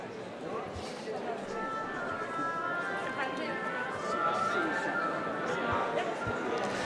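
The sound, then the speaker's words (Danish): A concert audience murmurs through an extended intermission of a Sønderborg Symphony Orchestra portrait concert, the orchestra already seated on the stage, many indistinct voices blending into a steady, dense chatter that holds an even, moderate level and swells slightly toward the end. “Som sagt en pause, der netop på grund af Lilese's spil for publikum her i pausen har været lidt forlænget.”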